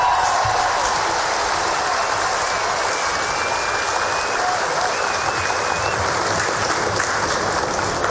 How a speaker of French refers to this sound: Alors on les applaudit encore une fois.